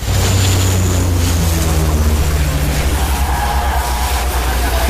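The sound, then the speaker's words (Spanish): A loud, steady engine drone from firefighting aircraft overhead at a wildfire several years ago, dropping water onto the firefighters, wrapped in a constant rushing roar like wind and spraying water, unbroken throughout. “Sí, esa es una secuencia de un incendio de hace unos años y estamos con los bomberos, con las focas que nos echan el agua encima.”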